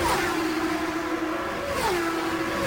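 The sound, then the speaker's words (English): High-pitched Indy race car engines roar steadily on the track, their pitch holding then dropping as they pass, with a continuous loud whine and no talking. Scott Goodyear leads Scott Pruett by a few car lengths. “we have two Firestone Shaw drivers running in first and second position at the moment”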